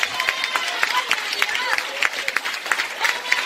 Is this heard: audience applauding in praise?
yes